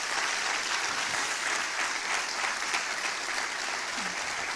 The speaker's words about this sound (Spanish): Vamos, aplauda al Señor de la gloria.